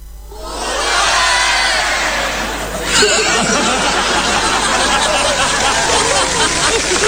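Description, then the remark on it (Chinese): A large audience breaks into loud, sustained applause, the biggest since the show's opening, that swells within the first second and stays dense and steady, with some cheering and laughter mixed into the clapping. “你听听观众反馈，你听听开场以来最爆发的掌声。”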